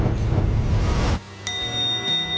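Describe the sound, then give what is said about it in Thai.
A single bright bell strike, signalling the start of the mission in an exercise session, rings out and hangs in a sustained, shimmering tone, following a stretch of dense, noisy background that suddenly drops away. “ได้ยินเสียงระฆังตอนนี้เราเริ่มปฏิบัติภารกิจแล้วครับ”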